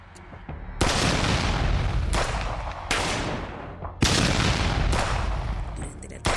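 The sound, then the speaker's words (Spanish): Six loud gunshots, captured by security cameras, crack out at irregular intervals on a public street as armed men from four vehicles attack two pickup trucks; each blast leaves a long, rumbling echo that fades before the next. “Se realizaron varios disparos generando pánico entre vecinos y conductores.”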